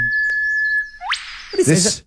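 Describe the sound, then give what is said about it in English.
A kookaburra call: a steady whistled tone, then a sharp rising sweep that breaks into a burst of harsh, cackling notes near the end. It is loud and clear, with no talking. “This is the kookaburra, which I love.”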